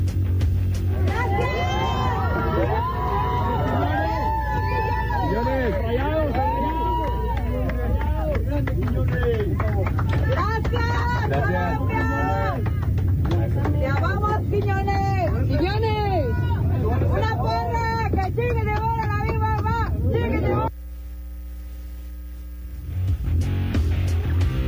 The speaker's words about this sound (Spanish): Y luego, al abordar un avión, fue recibido con aplausos, una porra y gritos de agradecimiento. Veamos.